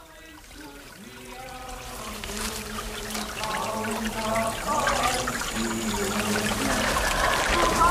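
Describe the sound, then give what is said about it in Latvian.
Water of the Gauja River rushes and gurgles steadily, the broad flowing hiss swelling louder over several seconds, with faint muffled tonal sounds drifting above it early on. “Tā viņu arī mūsu dzīve, kā tas ūdens tur lejā.”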